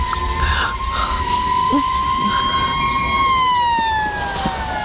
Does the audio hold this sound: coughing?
no